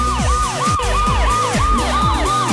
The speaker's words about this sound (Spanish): Una poderosísima ambulancia, por favor.